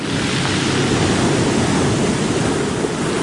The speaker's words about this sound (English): Ah yes, the unmistakable sound of large waves, which is what surfers will be hoping for in Raglan this weekend.